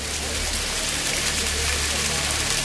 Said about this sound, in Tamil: சுவாமி, பேய் மழை மட்டுமல்ல, பெரு வெள்ளமே வந்து கொண்டிருக்கிறது.